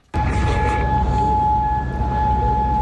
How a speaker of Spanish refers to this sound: En Oriente Próximo esta noche, de nuevo, sirenas antiaéreas en Kuwait.